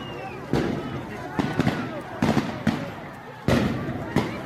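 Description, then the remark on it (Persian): Government agents fire on protesters in Ali Khani Square, Isfahan, Iran, during anti-government protests on 18 Dey: gunshots crack out in an irregular series, around eight sharp, loud bangs, some in quick pairs, echoing over a noisy outdoor background with faint voices. “در آن شب ماموران حکومتی به شکل بی‌رحمانه‌ای به روی مردم آتش گشودند.”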